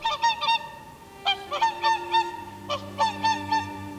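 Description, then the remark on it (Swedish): About thirty snow-white whooper swans take off and fly over the lake at Tysslingen, heard from a shore meadow, calling: loud nasal trumpeting honks in quick clusters of two to four, repeated several times, with a low steady hum rising underneath in the second half. “Vi ser på när de snövita sångsvanarna flyger över sjön.”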